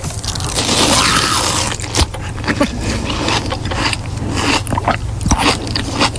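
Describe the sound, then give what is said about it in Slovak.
Wet biting and chewing on juicy sliced summer melon, with crisp crunches and slurpy smacks repeating irregularly for several seconds, loud, with no talking. “To už žuje.”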